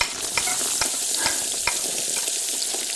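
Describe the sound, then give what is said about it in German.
Diced onions sizzle steadily in oil in a hot pan, a dense crackling hiss with scattered sharp pops and a few clinks of a utensil stirring, without any talking. “Zwiebeln anbraten, alles klar. Und rein damit.”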